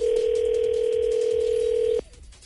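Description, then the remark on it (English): A steady, unbroken telephone dial tone, as a radio show calls a prize winner in Ames, hums at a single mid pitch for about two seconds, then cuts off abruptly, leaving faint line noise. “Anyway, it's time to give a call to our winner of the Coop Chicken Fingers in Ames.”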